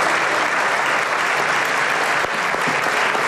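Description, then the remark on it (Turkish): Sustained standing applause from AK Parti, MHP and DEM Parti lawmakers for President Erdoğan in the general assembly of the Turkish parliament, a dense, steady wash of clapping that holds at an even, loud level throughout without pause or speech. “AK Parti, MHP ve DEM Parti grupları Erdoğan'ı uzun süre ayakta alkışladı.”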